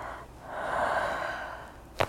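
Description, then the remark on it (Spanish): A long, breathy exhalation gives way to a single sharp crack of a neck joint popping during a cervical manipulation called torsión cervical, brief and distinct near the end. “Track. Ese track se llama torsión cervical.”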